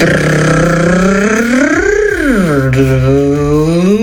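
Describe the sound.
A voice imitates the sound of their own car in a voice message sent to RMF Max radio on Messenger, a steady, buzzy lip-and-throat drone that swells upward in pitch like a rev, dips, then settles into a sustained hum, loud throughout.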